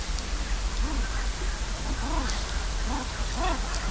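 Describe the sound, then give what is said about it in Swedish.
Oystercatchers call in a small bay on a nearly windless night, a scattered series of short, rising-and-falling notes, heard over a steady background hiss. “Men strandskaterna här i den lilla viken har också hållit på lite grann nu på natten.”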